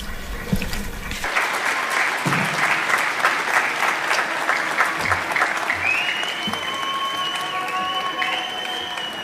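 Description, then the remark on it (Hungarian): A large audience breaks into warm, sustained applause after a brief pause, welcoming a priest from Spain who is about to give a testimony; dense clapping rolls steadily for several seconds, with a thin high tone ringing faintly near the end. “Köszöntsük őt egy nagy tapssal.”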